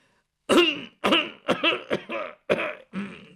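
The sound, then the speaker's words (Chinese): A man, a father in the room across the courtyard, clears his throat and coughs because of an itchy throat, in a series of six rough, raspy bursts, each separated by brief pauses, moderately loud with no speech. “俩人这话刚说到这儿，就听对面屋他爹在那咳嗽一声。”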